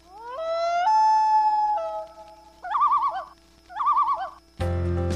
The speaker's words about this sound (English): That sound? It's the voice of the wilderness. The call of the common loon, majestic, mysterious, and vital to our environment. Loons are more than just a symbol of Canada's wild beauty.